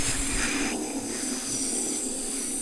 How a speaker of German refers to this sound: Was ist denn das? Das ist ja ein richtig lautes Zischen, wie von einer Schlange. Oh je, da ist eine schwarze Mamba. Das ist doch die gefährlichste Schlange der Welt.